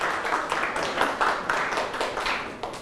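A group of students in a classroom applauds a classmate's courage in presenting, a dense, steady patter of many overlapping claps at an even level for about three seconds, with no voices on top.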